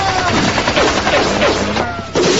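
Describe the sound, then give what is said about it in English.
A loud, sustained burst of rapid gunfire from a group of gunmen firing on command on a penthouse roof, many shots rattling together like a volley of automatic weapons, dense, with a brief dip before resuming. “That suit of armor had better be bulletproof. It will save me, but you are doomed! If I have you in front of me... Put me down! Fire!”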